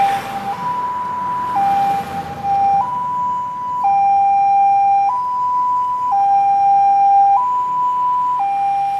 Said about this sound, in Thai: เสียงไซเรนของรถฉุกเฉินดังขึ้นนั่นคือสัญญาณเตือนภัยของชีวิตที่กำลังเผชิญวิกฤตสุขภาพอย่างเร่งด่วน